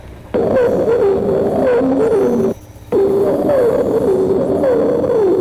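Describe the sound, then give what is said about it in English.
A bird sings two long, continuous warbling phrases with a short pause between them. The song is loud and harmonic, with a wavering mid-pitched line that slides up and down. “Other modifications of this theme are entirely different phrases used by this bird may be heard in the following song.”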